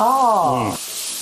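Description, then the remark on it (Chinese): Wuxi-style sweet and sour pork ribs sizzle in a pan with a steady hiss as more vinegar is added; a voice speaks briefly over it at first, then the frying continues alone. “再加点醋，太大火受肘。”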